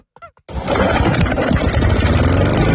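A brief voice-like sound, then a small two-stroke engine starts up abruptly and runs loudly and steadily, with a buzzy, rattling drone that holds constant to the end.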